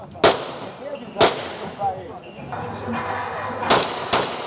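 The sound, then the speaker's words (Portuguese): Gunfire sound effects in a training maze at a Military Police shooting test in Cascavel, Paraná, Brazil: sharp cracks ring out at irregular intervals, four loud reports over a few seconds, with a murmur of voices and background noise between them. “Um labirinto desafiador, com sensação de clima hostil, cercado de efeitos sonoros, que levam ao estresse e à exaustão.”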